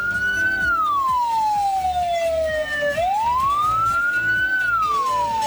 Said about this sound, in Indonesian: Bunyi yang keempat, frekuensinya paling lambat dan unik, yang berarti mobil ambulan sedang membawa jenazah.